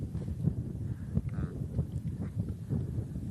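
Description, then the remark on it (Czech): Wind gusts buffet the microphone outdoors, a steady low rumble swelling in irregular surges throughout, fairly loud, with no voices. “A vidíš ten vítr, kámo?”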